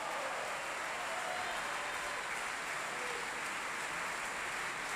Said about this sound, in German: Und dieser Applaus hat dem Haushofmeister von Johannes Silberschneider gegolten.